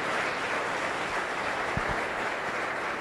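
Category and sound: crowd, audience applauding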